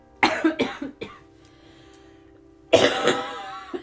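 A burst of harsh, repeated coughs, a brief pause with a faint lingering tone, then another loud, rasping round of coughing and throat clearing.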